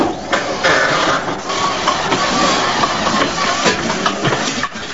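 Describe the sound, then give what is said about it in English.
The heavy piston engines of a B-17 bomber rumble and clatter as its propellers start turning and send out a trail of grey smoke, a loud, dense mechanical roar with hissing and rattling that holds steady throughout, with no voices. “The B-17's propellers begin to spin into action, sending out a trail of grey smoke.”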